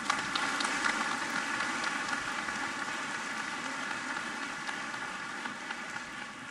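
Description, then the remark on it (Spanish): Steady, dense applause from a crowd for singers a singer and Peruvian tenor a tenor, a continuous crackling wash of many hands clapping at an even level for several seconds, with no voices over it. “Un aplauso para ellos.”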